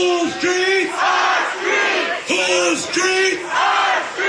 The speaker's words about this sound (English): The growing crowd clashed with police.